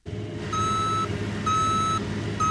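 A cargo truck's engine rumbles steadily while its reversing alarm sounds three long, evenly spaced beeps, close and fairly loud, with no talking.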